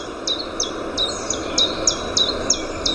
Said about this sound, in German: Das hier war zum Beispiel ein Zilpzalp. Das ist der Name gar nicht so weit weg vom Gesang.